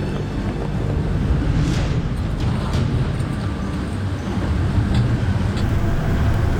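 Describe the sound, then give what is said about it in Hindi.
A heavy vehicle's engine drones steadily and loudly throughout, a thick low rumble with wind buffeting the microphone, as the motor labors under load. The vehicle is climbing a high-altitude road at 4850 metres above sea level, and the high temperature makes the climb harder. “अभी टेम्परेचर काफ़ी हाई हो गया है, इससे गाड़ी को भी बहुत मुश्किल आता है चढ़ाई में जाने के लिए।”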